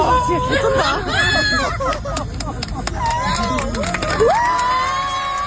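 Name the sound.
audience applause and cheering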